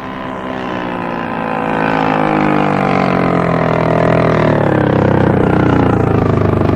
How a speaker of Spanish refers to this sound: Las lanchas se detienen cerca del casco por estribor.